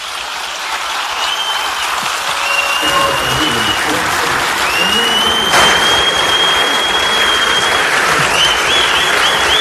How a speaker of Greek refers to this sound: Βρε για τη Μουτσάτσου χειροκρότημα.